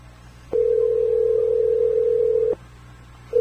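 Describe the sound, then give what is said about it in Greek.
A steady, single-pitched telephone tone sounds for about two seconds while someone calls back to connect by video, then cuts off, followed by a brief higher electronic blip at the end. No one speaks. “Για να σε πάρω πίσω εγώ να δω με βίντεο.”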